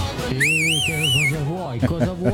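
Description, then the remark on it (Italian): A person whistles a short, wavering call to call someone, lasting about a second, rising and falling twice, clear, while people talk over and after it. “Lo chiamiamo col fischio.”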